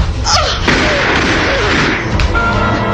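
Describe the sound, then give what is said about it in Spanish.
A boy and a woman holding a revolver crash down onto the floor in a loud scuffle a split second before she fires: a few heavy thuds and a slam over a dense, rumbling clatter lasting a few seconds, with no one speaking. “Calimán miraba anonadado al pequeño Solín y a Mariela, derribados ambos en el suelo.”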